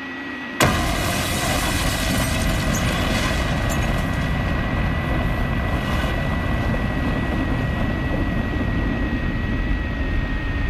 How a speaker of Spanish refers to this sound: Pero además, ¿por qué acabáis con explosión? Es que no lo entiendo. Una explosión. Bueno, es una metáfora, una metáfora.